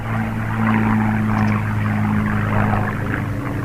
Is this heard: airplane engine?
yes